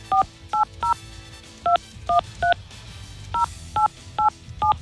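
Telephone keypad tones beep out the number of a stranger whose phone number is close to the caller's own: eleven short dual-tone presses in three quick clusters, loud, with a faint background hum between them and no talking.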